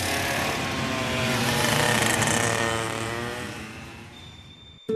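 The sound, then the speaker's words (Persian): A motorcycle engine roars loudly during a chase, revving up to a strained peak before gradually winding down and fading, with no voices. “آره آره همونه، داشت نگامون میکرد، همون موتوری است.”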